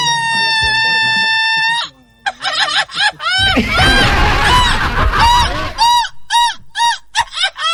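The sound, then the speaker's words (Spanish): A loud Mexican grito: one long, steady high-pitched yell, then a rapid series of warbling cries that rise and fall, with a rough, noisy stretch midway. “Plántese un gritito ahí para mi querido Bitoquito, hinche güero.”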